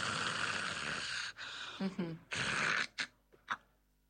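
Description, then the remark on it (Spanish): A person imitates the snoring of someone with sleep apnea: long, harsh, raspy breaths in a few drawn-out rattles separated by brief pauses where breathing stops, trailing off into short snorting bursts. “Entonces, vamos a imaginar que estamos roncando.”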